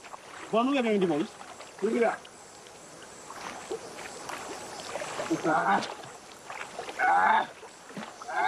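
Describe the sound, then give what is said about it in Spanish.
Oars dip and swish through water as a boat is rowed in a steady rowing sound, with brief bursts of voices speaking over the continuous splashing. “Remar es fácil. Aprendí a remar hace mucho.”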